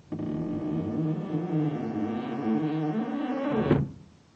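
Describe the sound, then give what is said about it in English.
A door is pushed shut with a long, steady creaking groan lasting several seconds, ending in a firm thud; no one speaks. “Wait till I close the door.”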